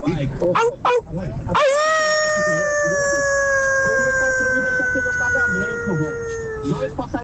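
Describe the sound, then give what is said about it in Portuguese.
A person imitates a howling dog with one long, loud, sustained note that slowly sags in pitch for about five seconds, with brief chatter just before and after, as an entry scored by judges in an impression contest. “Se fosse lobo, era 10. Como é cachorro, 5.”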